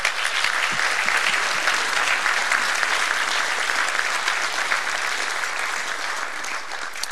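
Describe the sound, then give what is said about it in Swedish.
Sustained audience applause as those gathered give one another a big warm round of applause, a dense crackle of many hands clapping at a steady loud level for several seconds, tapering only slightly toward the end with no voices standing out. “Jag tycker att vi ger varandra en stor varm applåd.”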